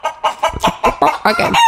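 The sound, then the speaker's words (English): A chicken clucks in a quick series of sharp calls, then breaks into a longer, drawn-out crow at the end. No one speaks over it. “Can I just have a chicken as inspiration, please?”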